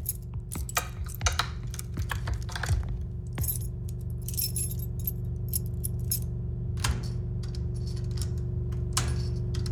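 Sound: keys jangling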